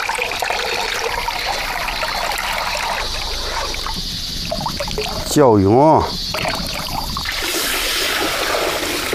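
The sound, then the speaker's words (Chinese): Continuous wet swishing and squelching as soaked buckwheat is rubbed by hand in water to make guagua, a Tianshui breakfast dish, with a brief wavering tone cutting through near the middle before the sloshing resumes. “桥墩子泡好了，正好开始搓。”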